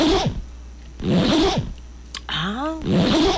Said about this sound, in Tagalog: Ay, kanahag zipper. Ayan! Daga kay zipper.